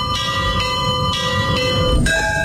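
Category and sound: signal or alarm, church bells ringing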